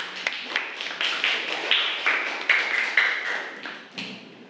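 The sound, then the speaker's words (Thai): A group of students applauds a classmate who is about to present a summary about Queen Suriyothai: a steady, fairly loud patter of many hands clapping, with rhythmic surges, and no talking over it. “ขอเสียงปรบมือให้กับเพื่อนด้วยค่ะ”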